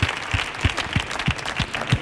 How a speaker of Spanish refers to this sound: así que vamos a mandarte este aplauso fuerte para …. Para que venga al programa del show del Comandante Lara cuando quiera, ….